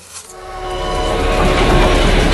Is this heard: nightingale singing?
no